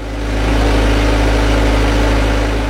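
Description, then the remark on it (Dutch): A steady, droning engine of a potato harvesting machine runs continuously in potato fields in Japan during potato season, with a strong low hum and even mechanical rumble throughout, no voices present. A group of Filipino and Japanese workers stands on the machine sorting the potatoes. “Op de oogstmachine staat een groepje Filipijnse en Japanse werkers de aardappelen te scheiden”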